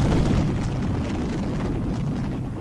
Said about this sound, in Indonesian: Bagai gemuruh lahar mendidih di dada gunung Merapi.